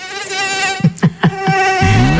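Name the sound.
mosquito buzzing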